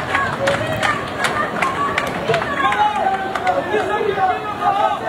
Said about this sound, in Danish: du har optaget lyd og billeder af en stor flok mennesker, som står og råbte, eller som stod og råbte og demonstrerede i Ceuta. Vi kan lige prøve at høre lidt af den her.